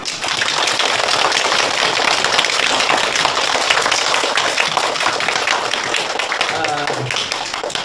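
A classroom full of people claps steadily to welcome someone, a dense, loud patter of many hands that holds for about eight seconds and starts to fade at the very end.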